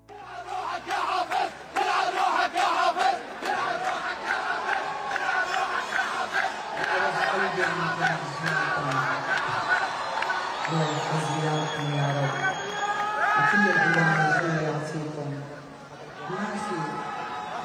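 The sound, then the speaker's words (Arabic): A large concert crowd chants political slogans loudly in unison, about the fall of Bashar al-Assad, voices rising and falling in a steady rhythmic slogan, with whoops and scattered shouts over a dense, continuous roar of many people. “ويبدو أن هذه الهتافات لازمت الحفل على امتداد ساعاته، إذ انتشرت العديد من المقاطع المصورة التي وثقت هتافات مشابهة.”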